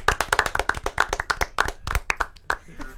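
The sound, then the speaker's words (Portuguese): Brisk hand clapping from a few people applauding Gabriel Bortoleto, sharp, with many quick claps tumbling over one another before thinning out toward the end. “Palmas pra Gabriel Bortoleto.”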